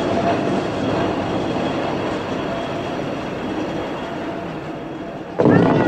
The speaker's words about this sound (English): He hurries away as the cable car heads up the mountain.